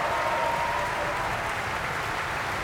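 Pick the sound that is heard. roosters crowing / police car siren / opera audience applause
opera audience applause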